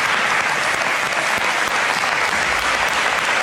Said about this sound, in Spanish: Era el momento en el que la oposición se levantaba en la Asamblea para aplaudir por Mari Carmen y los diputados del Partido Popular se quedaban sentados.